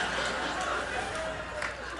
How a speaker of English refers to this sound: Thank you for that applaud.